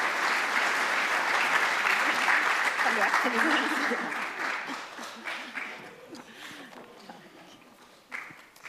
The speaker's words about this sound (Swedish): En applåd.